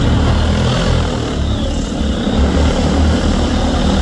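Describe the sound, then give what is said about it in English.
Loud, steady whirring buzz of agricultural drone propellers in flight at the Field Days Drone Zone in New Zealand, a dense rotor drone filling the whole clip, with no voices. “Here at the Field Days Drone Zone, owner of AeroLab, Craig Simpson, says interest in drones is up this year, with farmers increasingly recognising their benefits for spraying and applying fertiliser.”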